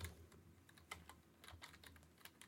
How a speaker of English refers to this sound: I'm typing, and I wasn't typing in anything. Oh, because I'm typing on the wrong keyboard.